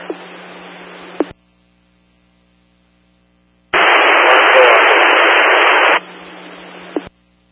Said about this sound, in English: Be advised, your transmission's all static and readable.